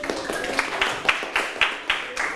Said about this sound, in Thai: เก่งมากปรบมือให้เพื่อน